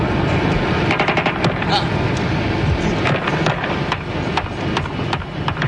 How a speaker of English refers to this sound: Two of the guerrillas climbed from the first helicopter and walked over to inspect the jet. And as they walked back, the firing started.